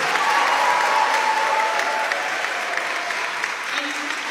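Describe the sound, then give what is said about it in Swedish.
A crowd at a citizens' meeting in the Luther Place church in Washington cheers and applauds loudly and steadily to welcome the Democratic nominee for mayor, a dense wash of clapping and whoops that stays strong throughout, with a few voices calling out above the noise. “Jubel och applåder”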